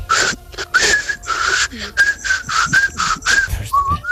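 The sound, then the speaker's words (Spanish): A person whistles a casual, warbling trill, the bright tone bending up and down in quick phrases broken by breathy gaps and soft mouth noises. “Yo hago un silbido, digamos, qué bonito. Es un trino bonito, pero así de andar por casa, ¿no?”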